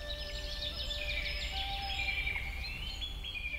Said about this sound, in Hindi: सुबह पक्षियों के चहचहाने की आवाजें मन को मोह लेती हैं